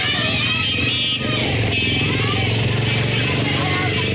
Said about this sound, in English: A stream of people could be seen moving inland on motorbikes after the authorities issued a tsunami warning, which was later lifted.